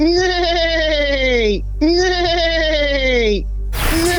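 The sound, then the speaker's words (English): A person vocally imitates a horse neighing as a quiz answer: two long, wavering, high-pitched whinnies, each about a second and a half, loud, ending with a brief breathy burst. “Give us 3 seconds of a horse neighing.”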